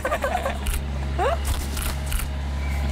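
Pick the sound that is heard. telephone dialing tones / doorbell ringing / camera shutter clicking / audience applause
camera shutter clicking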